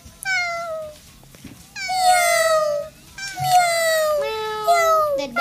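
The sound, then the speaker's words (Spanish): A voice imitates a cat, giving a series of about four drawn-out, falling meows, loud, with short pauses between them and no talking. “Yo soy un gato, mira. Escuchen. No, miren, es este. Miau.”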